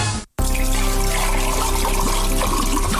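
Water pours steadily and loudly after a brief silent break near the start, a continuous rushing splash that keeps going without pause and with no voices.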